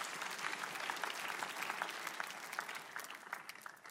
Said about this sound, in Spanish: Por eso un aplauso para él.